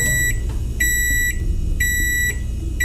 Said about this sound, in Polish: A teraz ręka w górę ci, którzy otwierają mikrofalówkę, zanim wydobędzie się z niej ten dźwięk.